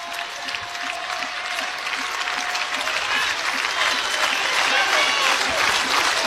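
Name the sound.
stadium crowd cheering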